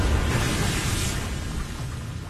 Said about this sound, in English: What's that sound? Oh, no, no, we're about ready to get hit. Watch out for that wave.